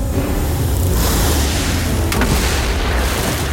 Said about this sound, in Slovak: Kormidelník, otoč loď! Skoro nás privalila skala. Hodil ju ten obor, ktorý stojí vysoko nad útesom.